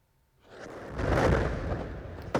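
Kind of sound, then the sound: impact, explosion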